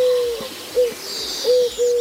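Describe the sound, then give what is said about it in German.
A Eurasian collared dove coos in summer in soft, low hooting notes, several short coos in a repeating rhythm, clear, with faint birdsong in the background. “Das ist eine sogenannte Türkentaube.”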